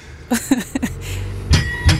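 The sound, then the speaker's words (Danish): A bell, rung left-handed, rings in a quick run of four light strikes, then two louder, fuller strikes, with a faint metallic tone hanging between them. No one speaks. “Det synes jeg, der er en rigtig fin venstrehåndsringning.”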